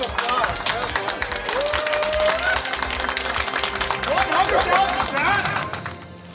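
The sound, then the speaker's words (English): A round of applause rings out, dense steady clapping from a group with cheers and overlapping voices mixed in, holding loud for several seconds before easing off at the end. “Hey, round of applause.”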